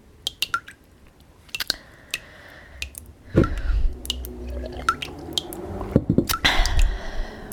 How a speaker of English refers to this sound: I let the pearl slowly flatten its body and make its way in a line to the back of my throat, there forming pearls again, tiny rolling down, drip, drip, drip, drip, drip, drip, drip, drip, towards my stomach.